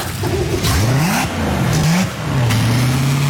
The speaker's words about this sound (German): Auch der Schiffsmotor wird durchgespült, um auch die kleinsten Quaggamuschelteile zu verwischen und abzutöten. Links, rechts kommt das Kühlwasser raus, wo ich beim Z-Antrieb das heisse Wasser einspeise. Und das läuft jetzt durch den ganzen Motor,